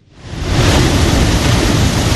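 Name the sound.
ocean waves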